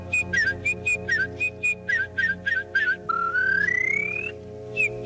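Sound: warbler song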